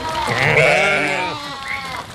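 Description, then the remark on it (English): A single sheep bleats loudly, a long wavering cry that quavers for about two seconds, with no other sounds around it. “Sheep, lured by the sound of trompeta, came closer”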